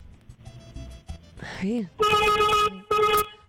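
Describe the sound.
A vehicle horn honks twice, loud: a long steady blast, a brief pause, then a shorter one, sounded by a driver setting out to work in the morning. Faint murmuring voices come just before the honks.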